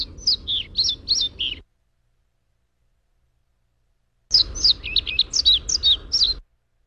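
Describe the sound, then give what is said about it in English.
A male pied flycatcher that has not yet mated sings two bright, quick phrases of high chirping notes, clear, separated by a few seconds of silence, with no other voices present. “And this is a male pied flycatcher and what their bird song sounds like before they've mated.”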